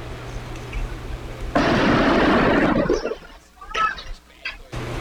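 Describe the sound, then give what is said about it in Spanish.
A sudden, loud Molotov cocktail explosion, recorded from a workshop next to a school during an attack, bursts into a roaring, crackling rush that lasts about a second and a half, then fades into scattered bangs and faint voices in the background. “Así, fíjese, ponga atención para los que nos acompañan por la radio, son las explosiones en este video registrado desde un taller al lado de la escuela.”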